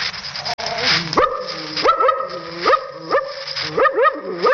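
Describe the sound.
A man who voices dogs in scripts mimics a suspicious dog, giving a series of about four rising, harmonic barks with short growly gaps between them, fairly loud.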